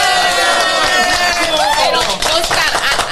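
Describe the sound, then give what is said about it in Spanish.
Sustained audience applause for an interview guest, a dense steady wash of many hands clapping at once with some cheering voices mixed in, loud and continuous throughout. “Y también conocemos también a ti, pero también tienes otros compromisos y queremos respetar el tiempo, así que un aplauso por favor.”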